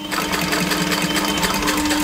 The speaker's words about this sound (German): sitzt an einer wirklich sehr, sehr alten Nähmaschine